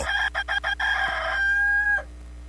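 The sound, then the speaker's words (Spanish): A rooster crows in a stuttering way: several quick choppy bursts, then one long drawn-out note that cuts off sharply. It is loud and stands alone, with nobody speaking. “a un corte y regresamos más rápido que lo que canta un gallo tartamudo.”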